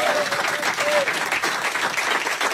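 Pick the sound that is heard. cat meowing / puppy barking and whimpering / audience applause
audience applause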